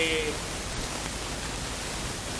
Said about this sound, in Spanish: Sí, porque escucho como una lluvia. Sí, hay una lluvia, sí, es este. Soy yo.